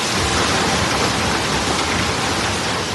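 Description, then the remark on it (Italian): Hailstones up to 6 centimetres in diameter pelt down on the Mendrisiotto region in a dense, steady roar, a loud continuous hiss of countless impacts with no pauses and no voices. “Sono passate quasi 3 settimane da quando, in una manciata di minuti, un numero impressionante di chicchi di grandine fino a 6 centimetri di diametro si è abbattuto sul Mendrisiotto.”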